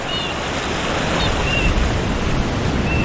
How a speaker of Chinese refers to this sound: 冬季的海浪淹没了海岸线，海水带来了营养丰富的食物。帽贝、贻贝、螃蟹、藤壶和海胆都进化出坚硬的外壳，以便抵御海浪的冲击生存下来。